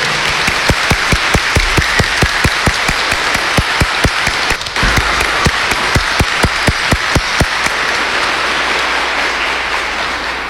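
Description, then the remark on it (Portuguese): Loud, sustained applause from a church audience for the church and the Pope, with a steady rhythmic beat of claps in unison running through the dense clapping for about eight seconds before it fades into a softer wash. “Eu queria uma salva de palmas fortíssima para a igreja e para o Papa.”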